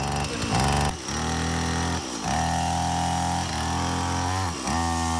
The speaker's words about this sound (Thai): เสียงเครื่องยนต์เล็กทั้งเครื่องตัดหญ้าหรือแม้แต่เครื่องเลื่อยไม้ที่กลับมาดังกระหึ่มอีกครั้ง